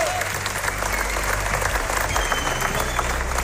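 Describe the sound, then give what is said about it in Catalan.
A large audience at the San Sebastián Festival gives a sustained ovation for the premiere of Gènesi, the series about Ferran Adrià and El Bulli. Dense clapping fills the space steadily with a faint murmur of crowd noise underneath. “Va tenir una acollida excel·lent i va rebre també una gran ovació per part del públic.”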